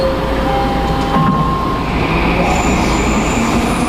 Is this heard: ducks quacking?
no